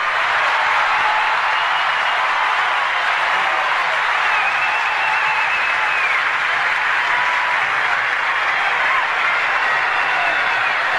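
Sustained, loud audience applause with dense, steady clapping from many hands, a continuous bright wash of noise that holds evenly throughout without anyone speaking.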